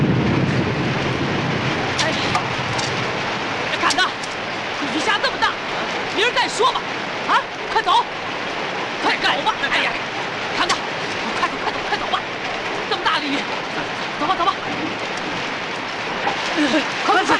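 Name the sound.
heavy rain falling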